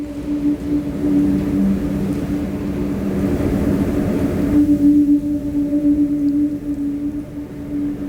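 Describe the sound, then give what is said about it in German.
A whirly tube swung through the air, sounding a steady, breathy humming tone with a clear overtone above it, wrapped in rushing air noise that thins out partway through. “Whirly! Let's here's some Whirly. This is you on the Whirly.”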